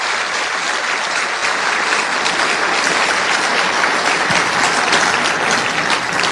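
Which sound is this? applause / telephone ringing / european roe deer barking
applause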